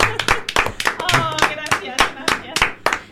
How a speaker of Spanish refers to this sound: Vas a salir al balcón, aplaudirte. Aplaudirte a ti misma. Aplaudirte.